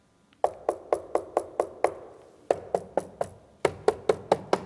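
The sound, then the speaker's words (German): Rapid, evenly spaced knocks on the lower part of a papier-mâché column in Ludwigslust, three bursts of about six to eight raps each with brief pauses between, fairly loud with a resonant, empty ring and no talking. “Das ist kein Holz mehr, das klingt ziemlich hohl.”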